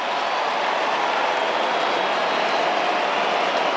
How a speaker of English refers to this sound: Enormous roar around the ground as he makes his way back out there for West Coast.